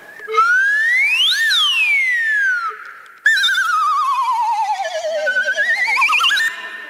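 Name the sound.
slide whistle glissando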